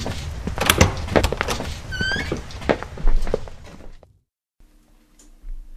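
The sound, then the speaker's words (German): A door opens as three people step through into a cosily furnished study, with a cluster of clunks and rattles and a brief rising squeak, then everything drops to near silence with a faint low hum. “Als Desdemona, Nymphoras und Rachel durch die Tür traten, standen sie in einem gemütlich eingerichteten Studierzimmer.”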